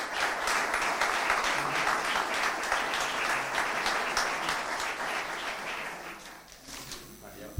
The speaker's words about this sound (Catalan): Un fort aplaudiment.